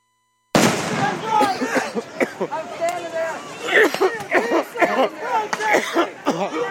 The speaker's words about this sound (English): They shooting the rubber bullets out.